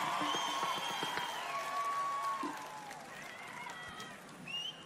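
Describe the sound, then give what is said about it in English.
A live audience applauds steadily, a dense wash of clapping mixed with cheers and a few whistles, holding for several seconds before easing slightly. “Just a little bit of applause from you guys, and then we'll get going.”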